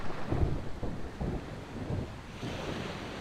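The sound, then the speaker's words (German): A summer thunderstorm outdoors: a steady wash of rain and blustery wind, with heavy low thunder rumbles swelling in and out every second or so. No one speaks. “Aber das Wetter spielt heute nicht mit.”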